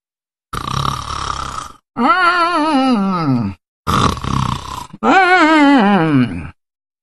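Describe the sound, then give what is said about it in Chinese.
A voice imitates the loud, strange snoring of Tu Xingsun, asleep against a big tree: two snore cycles, each a rough rasping inhale followed by a long wavering, warbling exhale, forceful with no other sound. “就他这呼噜一唱三叹，怪异非常。”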